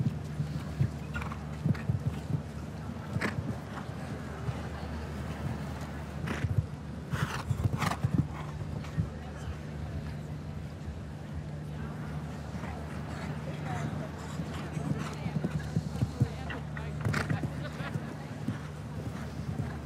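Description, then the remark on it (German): Horse hooves thud in a steady galloping rhythm across soft ground as a show-jumping horse approaches a triple combination jump in Hamburg, while a voice talks over a steady low hum. “Perfekt hier, wirklich angeritten auch diese Trippelbare.”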